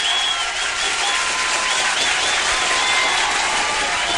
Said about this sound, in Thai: ต้องมีเสียงปรบมือต้อนรับกันสักนิดนึงเดี๋ยวจะไม่ใช่พิมดาเนาะ